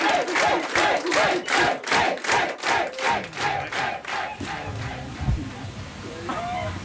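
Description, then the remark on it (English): A crowd of sauna guests cheers and shouts in rhythmic bursts at a German-style show Aufguss steam sauna performance, about a dozen quick chanted whoops, then the noise breaks into looser mixed shouting and chatter from many voices. “And, more importantly, the crowd loved it.”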